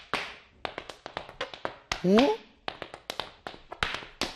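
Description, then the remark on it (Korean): Hard Irish dance shoes tap out quick, sharp clicks in an uneven, lively rhythm, about two dozen strikes, with a brief rising voice-like whoop partway through. “이거는 아일랜드 춤의 요정이에요.”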